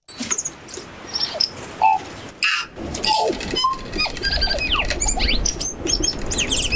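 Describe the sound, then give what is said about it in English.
A New Zealand tui sings a busy, varied song of high squeaky whistles, rapid clicks and sliding chirps that tumble over one another without pause, with no voices present. “But I reckon they left New Zealand birds out of the study, because for my money, there is nothing more melodious than the New Zealand tui.”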